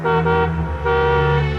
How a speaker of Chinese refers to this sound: 按了一下喇叭